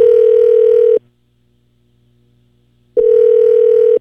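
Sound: telephone call ringing tone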